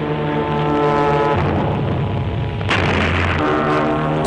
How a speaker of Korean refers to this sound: 쾅쾅! 곧 귀청을 찢는 소리가 들리더니 부교 양쪽으로 높다란 물기둥이 치솟았다.